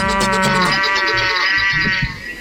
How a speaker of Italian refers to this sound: Eccoci qua insieme mentre sentiamo nell'eco il verso della mucca, il verso della, il muggito.